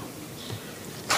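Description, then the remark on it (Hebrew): Quiet, then a single sudden sneeze bursts out near the end, a short, sharp, breathy blast that cuts off abruptly. “לבריאות.”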